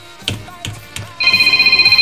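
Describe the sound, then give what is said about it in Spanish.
A telephone rings on a radio call-in show with a steady high electronic trill that pulses rapidly. It starts partway through, after a few soft knocks, and is fairly loud with no talking. “A ver, contéstate la.”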